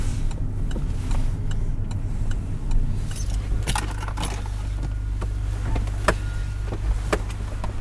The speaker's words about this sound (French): On peut s'arrêter. Ouais, ouais, ouais, je vais me garer là. J'avais déjà mis mon clignotant pour te dire.